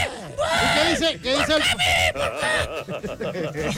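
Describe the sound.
A person imitates a pig squealing with loud, high, strained shrieks in rapid bursts, the voice rising and falling in sharp squeals for a few seconds.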